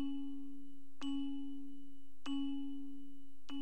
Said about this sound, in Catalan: Sentir sonar campanes i saber per què repiquen.